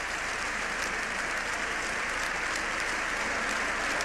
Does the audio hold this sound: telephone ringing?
no